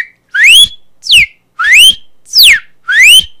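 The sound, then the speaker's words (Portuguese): A person whistles an imitation of a cardinal's call: five loud, clear notes in steady rhythm, alternating long rising slides with shorter falling slurs, with no talking. “Agora eu duvido você conseguir imitar o cardeal.”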